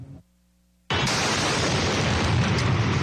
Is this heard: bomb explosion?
yes